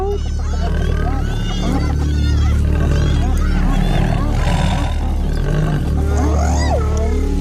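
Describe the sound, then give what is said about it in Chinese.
Lions roar and growl loudly in a continuous, churning clamor as a pride comes to help a lion against spotted hyenas on the African savanna, with higher yelping and whooping animal calls rising and falling throughout. “快看，其他狮子过来了。”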